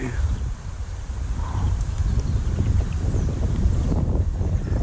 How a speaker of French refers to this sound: Non, bouge pas, il y a du vent.